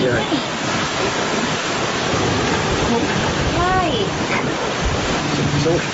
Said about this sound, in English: It's at the home of Dr. Oz, which is a beautiful place, by the way, like right by the ocean. And you can hear it in this clip here.